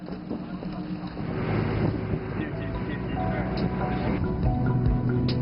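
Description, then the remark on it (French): A motorboat engine drones steadily on the water in cold weather, on the way to Zhangdao island, with rumbling low-end noise and wind buffeting the microphone throughout; faint voices may be mixed in. “Je pensais que nous allions monter sur ce bateau, mais en fait, nous allons être sur un bateau à moteur, donc il va faire encore plus froid.”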